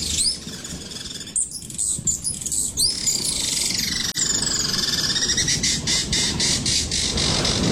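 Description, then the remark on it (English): A recorded bird call is played to a bird-identification phone app, which names it as a hummingbird: shrill, squeaky chirps and squawks repeat rapidly over a rough, noisy background hiss, filling the whole stretch at a fairly loud level. “So, just play a bird noise.”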